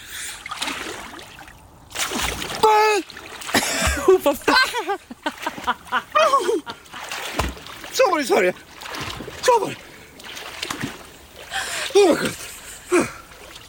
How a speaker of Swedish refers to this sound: Jag blir jättesugen på baden när jag hör dig kvida där i vattnet